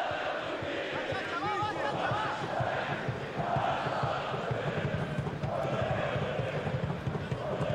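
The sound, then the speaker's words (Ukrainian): A large stadium crowd at the Ukraina stadium sings together during a Karpaty football match, a dense, steady roar of many voices with a rhythmic chanting pulse that fills the whole stretch without a break. “Послухайте, стадіон «Україна», класно співають.”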